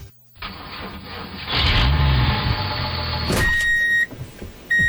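A diesel engine of a machine run by an operator at the controls cranks over and settles into a loud, steady rumble, growing heavier before a brief high whine cuts in near the end.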